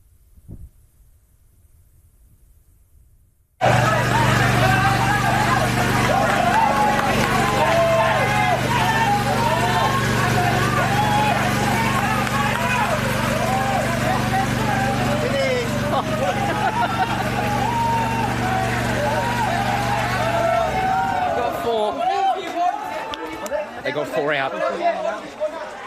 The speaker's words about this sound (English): All right, well, you can hear laughter, you can hear the cheering as we could try and make out the visuals of some of those people coming out